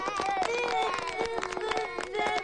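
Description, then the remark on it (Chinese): A class of students claps hands in a quick, irregular patter for a new teacher, to show they understood, with overlapping voices and chatter running loudly throughout. “你们好，我是你们的新老师，我想认识你们，你们看懂的就拍拍手。”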